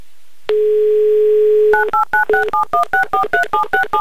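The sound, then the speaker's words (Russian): A steady low dial tone hums for about a second, then gives way to a quick, even run of about a dozen touch-tone dialing beeps, each a short two-pitched chirp, with no voices, as a telephone number in Lyubertsy is dialed for a second attempt at a call. “И еще раз набран номер телефона Алексея.”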